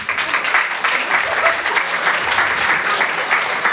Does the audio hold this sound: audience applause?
yes